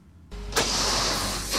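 Dump trucks unloading gravel aggregate from a quarry in Ogorzelec at a railway siding on Towarowa Street in Kamienna Góra, Poland: a low engine rumble, then a loud, steady rushing roar of pouring stone that starts abruptly and continues with no voices.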